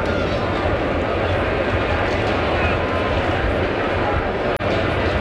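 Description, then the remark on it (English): A jet airplane on landing approach roars steadily in the distance over Citi Field during a baseball game, landing just beyond left field, a broad, continuous rumble that fills the whole stretch without fading, with indistinct crowd murmur blended into the background. “It feels like about every 2-3 minutes there's a plane flying in off in the distance.”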